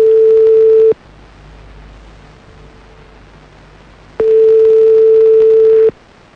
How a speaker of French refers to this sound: Et... on y va. Ça sonne.